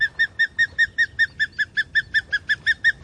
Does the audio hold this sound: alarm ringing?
no